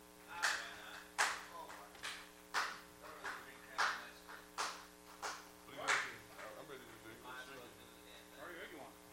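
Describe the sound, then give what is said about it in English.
A series of about nine sharp hand claps at a steady, slightly uneven pace, each a crisp bright snap, followed by faint voices murmuring as the clapping stops. “Another clap.”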